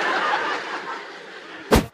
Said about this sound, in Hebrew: היה אפצ'י, רבותיי, אני שמעתי אפצ'י. אני שמעתי אפצ'י, לא יודע איפה זה בא, אבל...